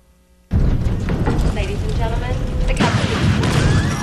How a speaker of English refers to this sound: I don't know, this is just a little sound bite I could press called Plane Crash.